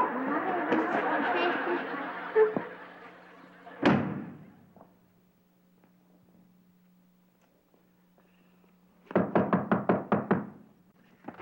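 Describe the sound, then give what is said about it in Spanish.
A single heavy thud as someone is hit on the head with a brick cuts off a busy stretch of voices, followed later by a quick burst of about eight sharp, loud knocking hits. “Sí, fíjate que a mí van como 500 ladrillos que me caen en la cabeza.”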